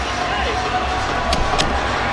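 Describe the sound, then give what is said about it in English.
A hockey crowd cheers as another octopus is thrown onto the ice during a 3-3 game with Chicago, a steady, dense roar that holds level throughout, with two brief sharp cracks cutting through near the end. “And the cheer you hear is for another octopi, which has been thrown out on the ice.”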